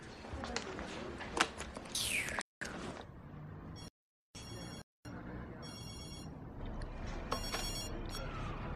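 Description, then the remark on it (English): A telephone rings in short electronic bursts over a busy, noisy background, with brief gaps of silence between stretches of clatter and murmuring. “Phone!”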